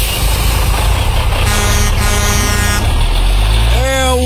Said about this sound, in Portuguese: Atenção, senhoras e senhores. Está passando o último ônibus.